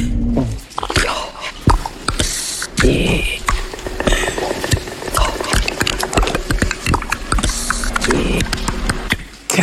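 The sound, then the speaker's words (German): A voice makes strange, alien-like noises, coming from a TV weather presenter played by Emily Blunt in the film Disclosure Day: a fast, continuous stream of clicks, hisses and gurgling bursts over a low droning hum, fairly loud throughout with no recognizable words. “Solche außerirdischen Geräusche kommen dann plötzlich aus der hübschen Wetterfee und alle Zuschauer gucken staunend zu.”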